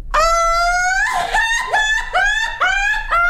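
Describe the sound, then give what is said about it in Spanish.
A loud Mexican grito: one high sustained yell for about a second, then a rapid series of five or so warbling, laughing whoops, shouted alone by a single voice. “Exacto, grito de peróxido.”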